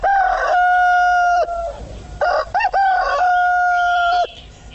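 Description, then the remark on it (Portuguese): A rooster crows loudly, two long drawn-out cock-a-doodle-doos separated by a brief pause with a few short clucks, ringing clearly with no talking. “Que hora que é mesmo, Galo Chico? Informa a hora certinho pro meu povo. Olha o Galo Chico chegando aí, ó.”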